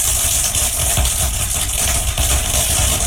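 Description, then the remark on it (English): Dense, continuous crackling and popping from corn plants growing in a cornfield, recorded over several hours and sped up into a few seconds so countless tiny clicks blur into a steady, hissing rattle that stays loud and even throughout, with no voices; thought to be tiny fractures as the plants stretch, break and grow. “Researchers think the crackling noises occur because of tiny fractures from the corn plant stretching, breaking, and growing.”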